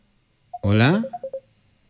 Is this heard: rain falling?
no